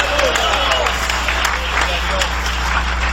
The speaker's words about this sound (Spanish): Dale un aplauso de poder al Cordero de Dios. ¡Aleluya!